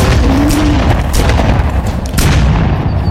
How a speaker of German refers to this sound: Sie haben ihn nicht getroffen. Das wollte ich auch nicht. Die Schüsse haben ihn auch so vertrieben.